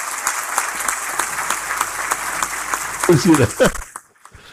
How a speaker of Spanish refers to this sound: Primero un aplauso para la selección.